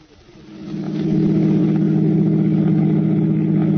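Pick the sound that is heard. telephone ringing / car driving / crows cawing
car driving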